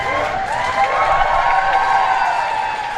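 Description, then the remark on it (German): Sustained crowd applause and cheering outdoors as Ukrainian President Volodymyr Zelensky steps out in front of 10 Downing Street, London: a dense, steady wash of clapping with raised voices and a few higher shouts rising above it. “Als Volodymyr Zelensky vor die Downing Street Nummer 10 tritt, brandet Applaus auf.”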